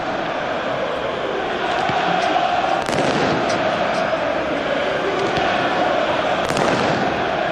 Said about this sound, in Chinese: 场上因为梅斯队主场球迷再次燃放烟花，所以三名瓦特利耶呢暂时让比赛暂停。